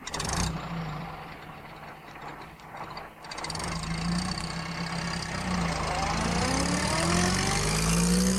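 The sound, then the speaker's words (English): A heavy bus engine rumbles at idle, then revs and climbs steadily in pitch as the bus moves off after passengers board with their shopping, loud throughout. “At last, Miss Hubbard sat down and they were able to move off.”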